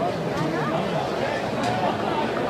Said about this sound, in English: Terrific crowd here tonight. Dogs in gray and Auburn in blue from head to toe.